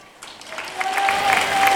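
A large crowd of Christian faithful applauds outdoors at the end of the Angelus prayer led by Pope Leo XIV, dense clapping swelling steadily and filling the space, with a faint sustained tone and scattered voices mixed into the ovation.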